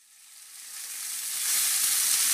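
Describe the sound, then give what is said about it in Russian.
Meat sizzles on a grill for Euroopt's Grillfest, a broad crackling hiss that swells steadily louder over a couple of seconds and holds strong at the end, with no voices. “Слышите? Это «Грильфест» в Евроопт.”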